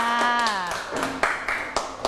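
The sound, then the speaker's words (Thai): In a classroom, a woman's voice asks for applause for group 5. Students then give a few sharp, evenly spaced claps, about four in a steady rhythm, clapping together. “ต่อไปค่ะกลุ่มสุดท้ายกลุ่มที่เท่าไหร่คะกลุ่มที่5ขอเสียงปรบมือให้กับกลุ่มที่5ค่ะ”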